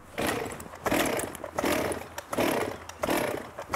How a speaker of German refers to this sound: die Kettensäge startbereit?